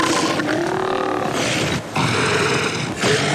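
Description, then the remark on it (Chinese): A male elephant seal, a species whose males can weigh up to 3 tons, roars in loud, deep, guttural bursts that run almost continuously, broken by two brief pauses for breath. No one speaks. “雄性象海豹体重可达到3吨，它们占据了海滩的一小部分，进而也意味着在那片区域内的所有雌性都属于它。”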